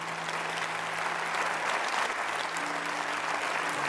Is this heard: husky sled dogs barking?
no